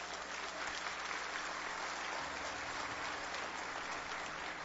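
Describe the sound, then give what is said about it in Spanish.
Steady applause from an audience, given to the Lord during a sermon, a dense wash of many hands clapping at an even level for several seconds with no voices over it. “Si quiere, déle ese aplauso al Señor.”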